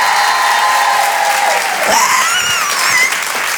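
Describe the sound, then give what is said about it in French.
Loud, sustained applause with cheering and high-pitched whoops and squeals from the audience of a live comedy show broadcast on Rire et Chanson, as the women in the crowd are asked to make noise, holding steady throughout without any speech. “Enchantée, je suis la seule nana, les filles, faites-moi du bruit, s'il vous plaît.”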